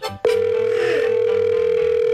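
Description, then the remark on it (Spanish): After a call is hung up, a steady, loud telephone dial tone starts abruptly after a brief moment and holds unbroken, sounding like a handset earpiece, with a faint rhythmic hum underneath. “¿Por qué me cuelga?”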